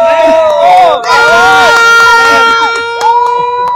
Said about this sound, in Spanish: Pues la afición tiene idea de la selección mexicana, cree que le va a ir bien en este partido contra Australia. Y ahora sí, una porra para México antes de que empiece el partido.